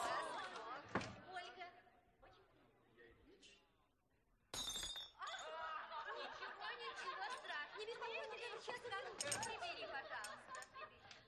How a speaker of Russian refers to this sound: Слуга выходит из зала, закрыв дверь, сгибается от смеха.